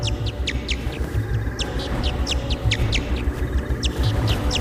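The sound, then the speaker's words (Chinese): Tiger moth clicks jamming bat echolocation, produced when a bat is about to attack, at frequencies similar to the bat's calls: quick, high, sweeping chirps repeat in irregular bursts over a steady low rumble, with no talking. “这种声音的频率和蝙蝠发出的声波类似，能起到干扰蝙蝠进行回声定位的作用。”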